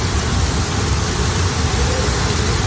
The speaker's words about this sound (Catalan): Així com sentiu, amb aquesta força ha baixat l'aigua a les escales de la catedral de Girona després d'un intens xàfec.